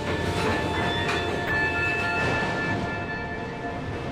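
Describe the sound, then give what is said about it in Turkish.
The remote-controlled freight locomotive 'Goddess' (Tanrıça), with extra power from a second unit, together 3000 horsepower and no one at the controls, rumbles steadily: heavy low engine noise with metallic squeals and rail clatter running continuously throughout, no voices. “Birlikte 3000 beygir güç üretirler. Ama göz atarsak kontrollerde kimsenin olmadığını görürüz. Tanrıça, hayalet bir tren.”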